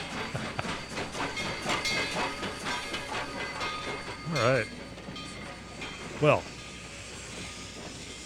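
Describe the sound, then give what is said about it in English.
An Amtrak train rumbles along with a steady rhythmic clatter of wheels on rails, broken by two short whistle-like tonal bursts, while a person speaks briefly over the noise. “… caught a lot of trains in their career”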